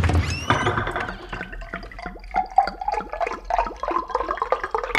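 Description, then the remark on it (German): Water runs from a kitchen tap into a cup, splashing and gurgling, the pitch rising steadily as it fills, with no talking. “Ausgelassen hüpft der kleine König aus dem Bett und holt Wasser aus der Küche.”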